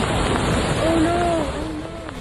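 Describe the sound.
A steady, loud roar of rushing water from a flash flood after heavy rain pours over a cliff in Zion National Park, Utah, with a person's voice briefly crying out above the churning noise.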